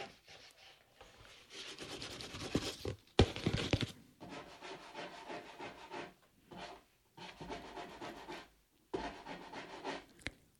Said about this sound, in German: Was ist das? Plötzlich hört man ein Scharren.